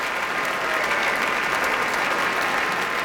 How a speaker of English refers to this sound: Now all of the members of the Boston Symphony standing. You heard a large cheer for the horn section